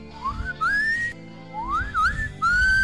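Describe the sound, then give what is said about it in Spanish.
A person whistles in short, wobbly rising and falling tones, three or four shaky attempts with breathy noise between them, fairly loud, with no talking. “No puedo, no puedo silbar hasta hora de la mañana.”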